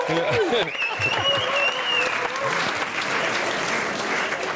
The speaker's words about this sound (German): Dass der BER in einem neuen Ranking der Kunden als einer der besten 10 Flughäfen der Welt gilt. Und dafür mal einen Applaus.